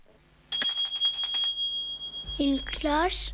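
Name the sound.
small bell ringing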